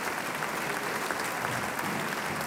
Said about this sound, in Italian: e che adesso si è presentata in palcoscenico per ricevere gli applausi del pubblico di Pesaro.